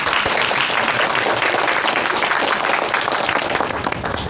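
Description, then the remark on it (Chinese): A crowd applauds steadily at a pottery shop's ribbon-cutting opening ceremony, many hands clapping in a dense, even patter that holds at a fairly loud level for several seconds with no voices over it. “好了，尊敬的各位来宾，在剪彩仪式开始之前，我们先请苏哲先生讲两句话，掌声有请。”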